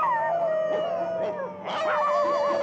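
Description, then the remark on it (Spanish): Several dogs out in city streets howl together in long, wavering tones, loud, with a few short yips and barks breaking in. No one is talking. “Sus ladridos se escuchan por toda la ciudad.”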